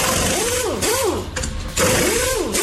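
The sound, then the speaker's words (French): An electric drill or power screwdriver whirs steadily, its motor pitch swooping up and down in several repeated swells over a buzzing mechanical rattle. “C'est clair, c'était la perceuse. Ouais, perceuse ou visseuse automatique électrique, quoi, tu vois.”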